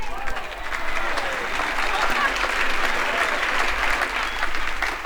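An audience claps steadily and loudly for a performer for several seconds, a dense wash of many hands with a few faint voices mixed in, sustained without a break from start to finish.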